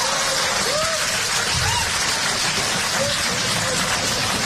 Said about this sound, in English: I don't know why you're applauding. That is a cry for help.